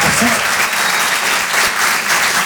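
audience applause

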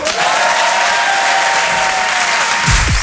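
audience applause

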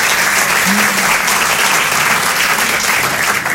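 audience applause

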